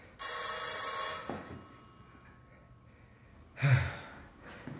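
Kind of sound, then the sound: signal or alarm, telephone ringing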